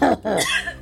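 Two quick, harsh coughs in close succession, loud, with a short gap between them and no talking.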